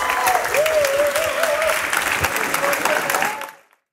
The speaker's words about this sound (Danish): stor jubel. Jernmarker løb med titlen som årets ord, efter et år jo med heftig debat om solcelleparker, eller jernmarker.